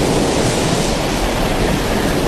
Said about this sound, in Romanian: Ascultă valurile.